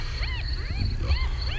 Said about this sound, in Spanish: Es una hiena, qué raro. No había visto a ninguna desde que estuve la última vez en África. Pues la hiena debe callarse si quiere ayudar en algo. Además, no veo la razón de su risa.